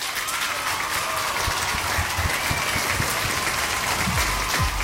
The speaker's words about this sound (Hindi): तो सबके लिए तालियां।